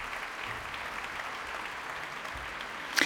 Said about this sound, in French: Le public applaudit les musiciens dans cette partition composée en 1785.